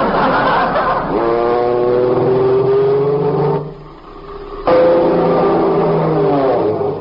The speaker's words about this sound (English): An airplane! Look, Uncle Cecil, a skywriter! A skywriter in California?